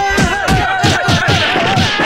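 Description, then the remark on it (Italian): A crowd of people all giving one big slap at once on a count of three, a rapid run of loud, overlapping smacks in a rough rhythm, with raised voices carrying through underneath. “Vi facciamo sentire quanti siamo! Dateci tutto uno schiaffone, dai!”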